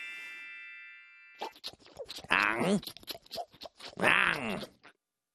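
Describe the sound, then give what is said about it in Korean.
Crunchy chewing begins after a second of faint steady tone, with mouth noises and a couple of strong groaning vocal sounds mixed in, ending with what could be a swallow. “안녕, 맛있다. 꿀꺽.”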